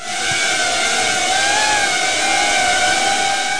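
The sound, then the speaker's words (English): A steady buzzing whine of small security drone propellers, the drones each about the size of a large Frisbee, hovering in flight at Davenport High School in Volusia County, Florida, with a high tonal hum that wavers slightly in pitch throughout and no voices. “The drones, which are about the size of a large Frisbee, can respond within 15 seconds of being notified of an active shooter via an app that school staff and the Guardian Angel Company have access to.”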